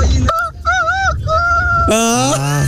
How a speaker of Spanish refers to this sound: Escuche este gallo, escuche.